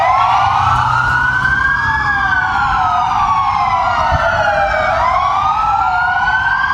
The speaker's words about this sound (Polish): W południe w całej Polsce zawyły policyjne syreny. Mundurowi oddali hołd zabitemu funkcjonariuszowi z Dolnego Śląska.